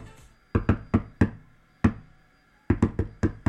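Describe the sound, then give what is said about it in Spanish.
Knocks on a tabletop, tapped out as Morse code, in an irregular pattern: a burst of four quick raps, a lone knock after a pause, then five more in a fast cluster. Sharp, hollow, fairly loud, with no talking. “Si yo toco el micrófono o toco la mesa para que me escuchen. Por favor, Eduardito, bájale un ratito la música. Voy a tocar en Morse.”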